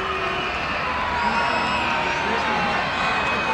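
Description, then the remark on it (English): A Somerset baseball crowd, on its feet during a 2-2 count with runners at second and third, cheers and roars in a steady, sustained wall of noise, with scattered whoops and shouts rising out of the din for the full few seconds. “Somerset crowd on their feet in a 2-2 count.”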